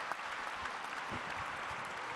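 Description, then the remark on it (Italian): An audience claps steadily, a dense, even wash of many hands applauding at a fairly constant level throughout, with no voices standing out. “Applauso.”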